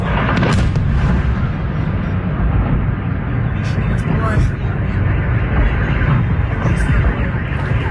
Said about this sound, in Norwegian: I dag morges våknet Moskvas innbyggere til lyden av bombedrønn. Denne uka har Ukraina utført et av krigens største droneangrep på Russlands hovedstad.